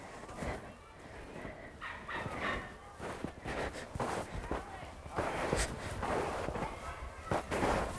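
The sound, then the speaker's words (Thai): Crunchy footsteps of a person walking in ordinary shoes, without snowshoes, trudge through snow, a steady series of loud, gritty crunches with uneven spacing, and a voice speaks over parts of it. “ถอดหมดแล้วเหลือแต่รองเท้าออริจินอลนะคะเดี๋ยวเดินไปลายซ้ายสุดดูกัน”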